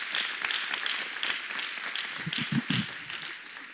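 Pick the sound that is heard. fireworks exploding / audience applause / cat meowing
audience applause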